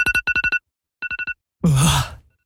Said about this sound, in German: Da rennt es mir kalt den Rücken runter. Der Handywecker,